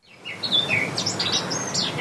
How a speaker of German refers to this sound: So klingt sie bei uns. Eine Mönchsgrasmücke.